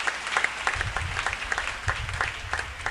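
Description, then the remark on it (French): An audience at a Christian worship programme applauds the King (God), clapping steadily in dense, continuous applause, with a low rumble of crowd noise beneath the many overlapping hand claps. “Applaudissez le roi.”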